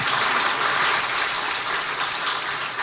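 Sustained applause from an audience at an event in Ghana, a round of applause for the Executive Chairman of the Central Group, Mr. Shuni Wan, after his remarks: a dense, steady wash of many hands clapping at once, loud and even throughout without any talking over it.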